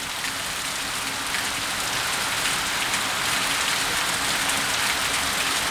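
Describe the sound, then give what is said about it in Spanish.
Heavy rain pours down steadily at night in Valparaíso during a storm, a dense, unbroken hiss of drops striking hard surfaces, with a faint low hum underneath and no voices. “A esta hora llueve bastante fuerte en Valparaíso. Escuchemos los micrófonos ambientales de Bío Bío.”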